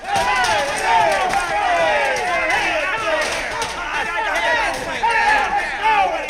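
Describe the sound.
A roomful of voices chatters and shouts over each other in a steady, loud babble, with guitar playing running underneath throughout.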